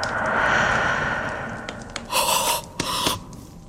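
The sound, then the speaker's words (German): Breathy inhales and exhales; two distinct breaths, one sharp and gasp-like, rise out of a soft, hissing background, with no one speaking. “Und ich meine, jemanden atmen zu hören.”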